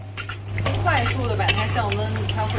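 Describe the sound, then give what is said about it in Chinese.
Steady, crackly sizzling of pufferfish liver frying in oil in a pan, still holding some moisture, with stirring scrapes and faint voices in the background, over a constant low electrical hum. “你看这里有还是有水分，你看，有滋滋的声音，有水分。”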